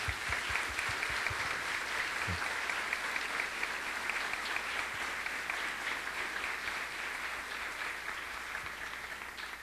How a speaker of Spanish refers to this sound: Así que, siempre esta es su casa, le recibimos con alegría. Damos un fuerte aplauso, Monseñor.